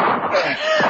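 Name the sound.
two gunshots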